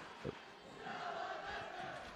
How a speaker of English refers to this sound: Crowd comes alive, hearing some chants.